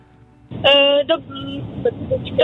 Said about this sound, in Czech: Mám pocit, jste v autě někde, nebo se mi to zdá? Ano, jsme v autě.